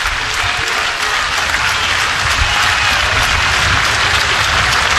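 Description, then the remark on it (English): A large stadium crowd roars and claps continuously, a dense, loud wash of cheering and applause that holds steady for the whole stretch without pause. Baseball crowd in Lincoln at a Huskers game against SDSU, as the count runs full with the pitch coming. “And here comes the crowd.”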